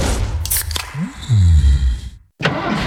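A few sharp clicks, then a brief rising whine as a car engine cranks and catches into a loud, low rumble for about a second before cutting off abruptly.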